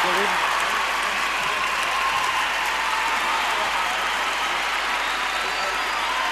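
Sustained audience applause, a dense, steady wash of many hands clapping at a constant loud level for several seconds, with no pauses or individual claps standing out.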